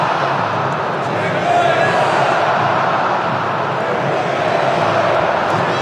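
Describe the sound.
A large crowd of football supporters jeering and shouting at their team, a dense, steady roar of many voices that stays loud for the whole six seconds.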